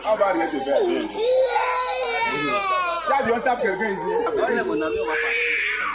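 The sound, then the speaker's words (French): Young children at a nursery school on the first day of school cry and sob loudly, refusing to stay in class, wailing in high, wavering bursts that overlap continuously, with a child's tearful voice breaking through the crying. “Des cris, des larmes, des refus de rester en classe.”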